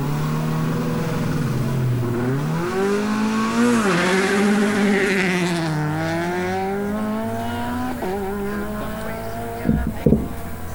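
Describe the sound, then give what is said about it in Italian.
A Peugeot 208 Rally4 rally car engine revs loudly, its pitch climbing and dropping repeatedly through gear changes, with a couple of sharp pops near the end and no voices. “siamo appunto alla macchina di Ferretti in posta, l'ultima Peugeot 208 della Rally 4”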